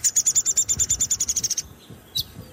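A downy woodpecker gives a rapid run of high, sharp notes that descends in a steady chatter of about fifteen calls over a second and a half, clear, followed by one brief single note after a pause, in an area of natural undergrowth in Edmonton.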